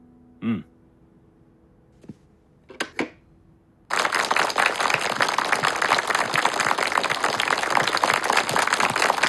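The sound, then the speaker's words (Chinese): A few faint knocks and rustles, then a crowd bursts into loud, sustained applause that continues steadily and densely to the end, many hands clapping at once. “我在七届二中全会上讲的少鼓掌，现在看来不起作用啊。”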